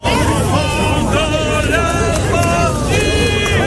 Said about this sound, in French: Bonne foule dans le centre de Erevan, le voyage du président en Arménie commençait sous de bons auspices